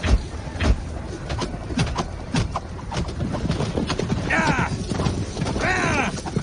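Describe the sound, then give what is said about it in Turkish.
Spooked horses neigh in shrill, wavering whinnies over a dense clatter of galloping hooves during a battle, unable to cross a trench, with a busy, noisy background of movement and some indistinct voices. “Atlar hendeyi geçemiyor. Geçenler de vuruluyor. Hayvanlar ürktü.”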